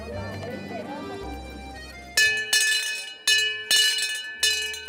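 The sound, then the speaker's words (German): After a couple of seconds of faint murmuring voices, a town crier's hand bell clangs loudly, swung in several bright, ringing strokes roughly a second apart, by the crier who travels the island of Föhr by bicycle with the bell to announce news. “Nach alter Tradition geht er mit Fahrrad und Glocke über die Insel und ruft Neuigkeiten aus.”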